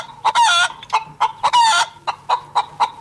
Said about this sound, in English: So make sure that you are listening out for that chicken. It's hidden somewhere in a song.